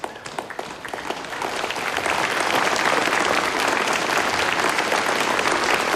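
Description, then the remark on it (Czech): A theatre audience applauds at the end of a play, starting as scattered claps and swelling within a couple of seconds into steady, dense clapping from a large crowd, holding loud and even to the end with no voices. “Chcete-li však zatleskati, šotek vám to vděčně splatí.”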